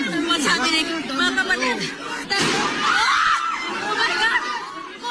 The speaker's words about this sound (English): Elsewhere, gunshots heard inside the Philippine Senate.